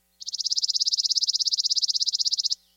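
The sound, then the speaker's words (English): A chipping sparrow's song: one dry, mechanical trill of rapid, identical high chips, about fifteen per second, holding a steady pitch and volume for over two seconds, alone. “Their song is sometimes compared to a sewing machine, consistent, dry, and mechanical.”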